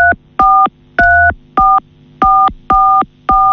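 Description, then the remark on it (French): A run of seven loud phone keypad tones, each a short steady dual-pitch beep, pressed accidentally by a face resting against the phone, in an uneven rhythm with brief gaps between them and no voices. “Je pense que ton visage est appuyé sur le téléphone et appuie sur certaines touches, je pense.”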